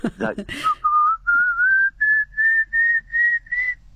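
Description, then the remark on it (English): A person whistles an imitation of a pallid cuckoo call: a steady series of about eight clear, loud notes, each pitched slightly higher than the last, after a brief murmur of voice. “And it's got an upward ascending, very loud call. Sounds like sort of someone whistling a dog. I'll try and do it if you like.”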